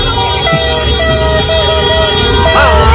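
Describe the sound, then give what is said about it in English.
Car horns blare in sustained, overlapping tones over a loud, dense wash of street noise, with a brief rising honk near the end; no distinct drumbeats or firework bangs stand out. This is El Sondito, noise made right outside the Ecuador team's hotel rooms through the middle of the night to keep them from sleeping. “Drums, fireworks, car horns. Actually, you're not that far off.”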